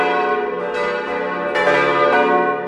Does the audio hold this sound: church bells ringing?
yes